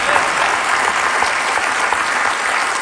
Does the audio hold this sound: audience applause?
yes